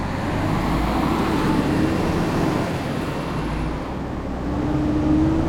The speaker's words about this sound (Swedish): Motorn går igång med ett brummande ljud. Det är en mycket stark motor. Skynda er, ropar han till brandmännen. Allihop rusar till sina platser. Det är nätt och jämnt att de hinner med när Ernie kör ut från brandstationen.